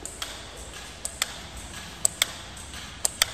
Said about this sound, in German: Die Quelle dieser rhythmischen Stromstöße sind einfache Uhren mit schwarzen Zifferblättern, die auf verschiedenen Höhen an den Wänden des Ausstellungsraumes verteilt sind. Der Sekundenzeiger schafft es nicht, sich weiterzudrehen.